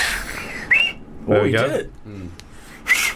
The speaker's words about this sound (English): She's practicing 29 different whistles. Different ways of whistling.